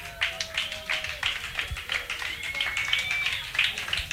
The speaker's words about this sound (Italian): Questa sera il concerto andrà in diretta sull'FM, quindi fate un bel applauso sia per chi sta ascoltando da casa, fate un bel applauso anche a voi, ma soprattutto fate un bel applauso ai nostri ospiti.